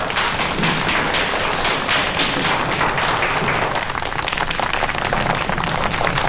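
A classroom of students breaks into steady, dense applause to welcome a new classmate, many hands clapping together at an even loudness for about six seconds without pause or speech.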